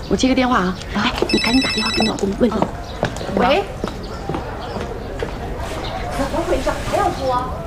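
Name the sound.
telephone ringing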